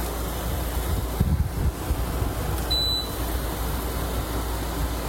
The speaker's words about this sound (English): This is the air conditioner in my bedroom. Now, I have a mini split system, so I can keep it quiet if I want to, but this is like an old school window air conditioner, and I love it because it just drowns out everything else.